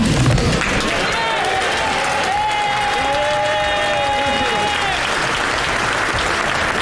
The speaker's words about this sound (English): He was given a standing ovation today. Goodbye and good riddance, I say. We're going to discuss whether or not Keir Starmer should have indeed been applauded out of the House of Commons.